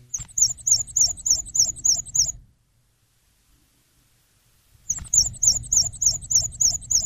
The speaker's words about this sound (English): we're in full spring migration mode now, and black and white warblers have made their way back.